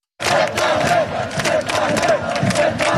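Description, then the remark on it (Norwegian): A huge crowd of around 100,000 people cheers in Oslo city centre around Karl Johan, celebrating Norway's 2-1 win over Brazil: a dense, continuous roar of many voices with repeated rising shouts, loud throughout after a brief silent start. “Rundt 100 000 mennesker samlet i Oslo sentrum for å feire at Norge vant 2-1 over Brasil, det opplyser politiet til NRK.”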